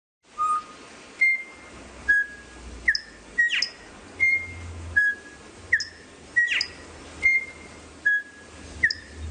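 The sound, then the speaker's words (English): A male songbird sings clear, whistled notes at shifting pitches in melodic intervals, about a dozen short phrases in a steady rhythm, fairly loud over a faint low rumble. “Here's an example of just musicality of a male song.”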